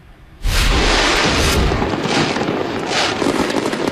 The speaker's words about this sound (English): Meantime, local animal shelters are preparing for the influx of animals they get every year, often the result of fireworks displays.